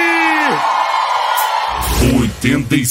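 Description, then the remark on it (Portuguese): A crowd whoops and yells loudly, with high sustained cries and shouts overlapping, followed by a few bursts of excited voices near the end. “Quem gostou, dá um grito aí!”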